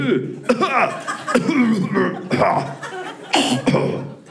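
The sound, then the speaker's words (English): A person imitates the raspy, deep, human-like cough of a small dog of about 20 pounds: several harsh bursts in quick succession with breathy, chuckle-like sounds between them, fairly loud. “It's a little tiny, like 20-pound dog with a grown man cough.”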